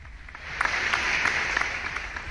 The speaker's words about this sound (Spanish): Ya hasta les mandé un aplauso, qué bárbaro, de veras que qué producción de programa.